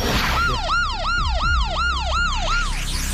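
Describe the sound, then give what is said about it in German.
A loud electronic siren cycles rapidly up and down in a repeating yelp pattern, about eight sweeps in quick succession, over a low rumbling background with no talking. “Ja, das hört sich auf jeden Fall nach einer Sirene an, ne?”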